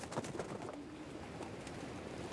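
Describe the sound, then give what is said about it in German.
Homing pigeons, all returned home after a training flight, coo in soft, low, throaty murmurs that overlap continuously, with occasional wing flutters and rustling amid a steady background hum. “Alle Tauben kehren heim.”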